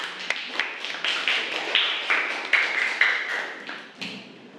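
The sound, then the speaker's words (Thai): Students clap together for a classmate about to present, a steady patter of overlapping hand claps with a few sharper accents, lasting several seconds before thinning out at the end. No one speaks over it. “ขอเสียงปรบมือให้กับเพื่อนด้วยค่ะ”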